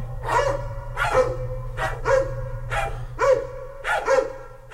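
A dog barks about seven times in a steady, insistent rhythm, fairly loud, over a constant low hum.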